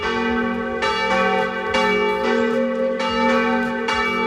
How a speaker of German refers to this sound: Das sind die Mittagsglocken, die jetzt dann in gut 10 Minuten auf allen Regionalsendern in ganz Österreich zu hören sein werden.